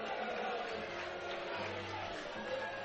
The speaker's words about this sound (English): There's the intentional walk to load him up for Jimmy Nugent. And the fans booing the decision.